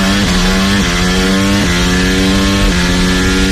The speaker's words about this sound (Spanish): Coches por las calles de la ciudad. La Fórmula 1 en el circuito urbano que entusiasma a los aficionados y a la Comunidad de Madrid, pero irrita a gran parte de los 14.000 vecinos directamente afectados, que van a soportar ruidos muy superiores